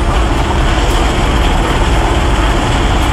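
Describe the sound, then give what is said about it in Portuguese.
A Military Police helicopter roars overhead while rescuing residents from the roof of a burning apartment building, its loud, steady engine and rotor noise filling the whole clip with a dense, rumbling wash and no voices. “Helicópteros da Polícia Militar resgataram 5 pessoas, entre crianças e adultos.”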